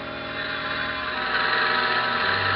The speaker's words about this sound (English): And I heard it. Marion's plane. And I saw her coming into land.